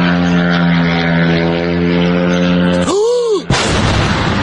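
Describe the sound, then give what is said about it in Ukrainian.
A loud, steady, nasal buzz of drone motors during a Sunday-morning drone attack on the Moscow region, Russia, then briefly swoops in pitch before giving way to a harsh, noisy roar in the final second. “Жителі та гості російської столиці прокидалися під дзищання моторів та гучні вибухи.”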